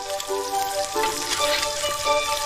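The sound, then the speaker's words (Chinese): Spices fry in hot oil over low heat while making Henan watermelon soybean paste, a steady dense crackling hiss with tiny pops spread across the whole stretch and no talking. “热油下入香料，小火炸透，只留底油。”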